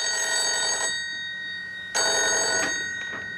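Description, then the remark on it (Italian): A telephone bell rings in two loud bursts, a long trilling ring, a short pause, then another ring; the call is from the telephone operator with an urgent message for King. No voices are heard. “Era la telefonista. Dice che ha un messaggio urgente per King e che deve comunicarglielo di persona.”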